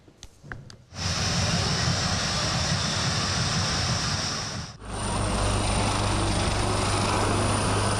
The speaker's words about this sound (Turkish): Savaş uçakları, helikopterler ve milli teknolojiler. Adrenalin bir an bile kesilmedi. Havacılık tutkunları İzmir'de buluştu.